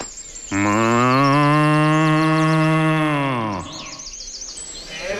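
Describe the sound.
A person imitates a cow from Sant Pere de Torelló with one long, loud moo that holds steady for about three seconds before dropping off, with faint chirping in the background.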